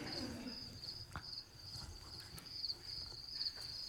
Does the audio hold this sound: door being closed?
no